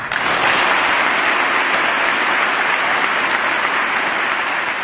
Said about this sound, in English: I imagine those were bipartisan claps there.